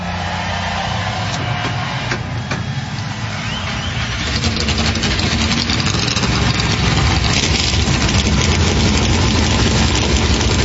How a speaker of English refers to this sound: Darlington Raceway. Here to fire engines with the most famous words in motorsports.